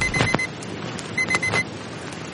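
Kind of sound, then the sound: household object, alarm clock ringing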